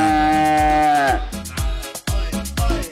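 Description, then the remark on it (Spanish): A cow lets out a long, drawn-out moo, then the sound breaks into a series of rhythmic, low thumping pulses with no talking. “Y la busca uno, llega a las 9 de la mañana, uno puede encontrar a esa vaca.”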